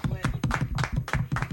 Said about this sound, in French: Il faudrait peut-être l'applaudir aussi. Bravo, pour ce qu'elle fait.